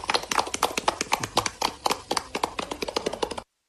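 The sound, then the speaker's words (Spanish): A group of students at a school clap and applaud, celebrating the school's connection to the municipal water supply, in a video sent to Caracol Radio; a dense, steady patter of many hands that runs for a few seconds and then stops abruptly. “Aplausos.”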